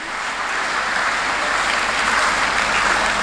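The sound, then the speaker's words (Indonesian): Steady, dense applause from a crowd for all the invited guests at an event, a continuous wash of many hands clapping at an even loudness for the whole stretch, with no voices rising above it. “Ya, tepuk tangan buat semua tamu undangan.”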